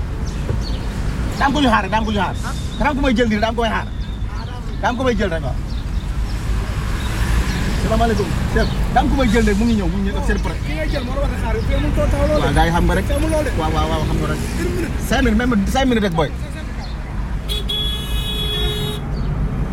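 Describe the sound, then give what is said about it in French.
Steady roar of street traffic with buses and other vehicles rumbling past, a horn tooting briefly, while people chat over the noise. “Tu es là dans 5 minutes, alors on essaye de ne pas se faire chasser par les bus.”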